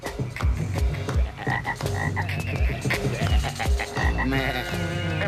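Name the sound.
frogs croaking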